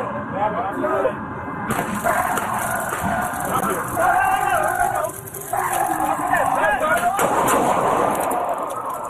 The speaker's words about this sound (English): Again, you can only hear a little bit of the audio. I'm sure you still heard the gunshots being fired.